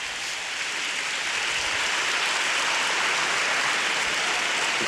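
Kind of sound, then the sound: crowd, audience applauding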